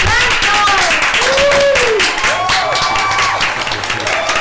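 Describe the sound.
Steady, loud applause fills the whole moment, dense clapping mixed with voices whooping and cheering over it.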